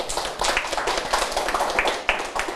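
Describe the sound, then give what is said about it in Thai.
A group of students in a class claps for a classmate in a steady, dense patter of many hands, a bright, sustained round of applause lasting a couple of seconds with no one speaking. “ครับนักเรียนปรบมือให้กับเพื่อนด้วยครับ”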